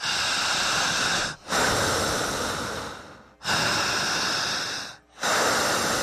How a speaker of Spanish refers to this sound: aprovechen el viajecito, aprendan a respirar igual que yo. Y repetiré, al respirar no corto respiración y no trago saliva, ¿ok?